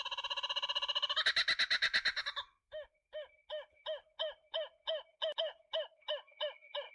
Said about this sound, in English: The emblematic sound of Australia, dusk and dawn, the kookaburra bird